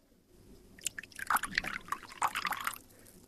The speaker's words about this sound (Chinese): 快给客人倒水。